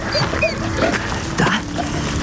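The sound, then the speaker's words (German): A dog whimpers in a string of thin, high whines, with a short bark-like yelp partway through, over a steady background hum. “Guter Hund.”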